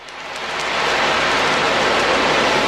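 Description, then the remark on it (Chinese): An ocean drum is tilted gently by a doctor in the palliative care ward of the Puhuangyu Community Health Service Center, imitating waves for an elderly patient unable to reach the sea; its rolling beads build into a soft, steady hiss like surf washing ashore, swelling over the first moment, then holding even, with no voices. “在蒲黄榆社区卫生服务中心安宁疗护病房里，海浪鼓轻轻摇动，模仿着海浪拍岸的声音。”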